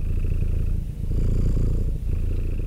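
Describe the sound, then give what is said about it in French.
A cat purrs in a steady, low rumbling drone, with two brief dips where it breathes in. No voices are heard. “« Le chat, c'est moi !» ronronna-t-elle.”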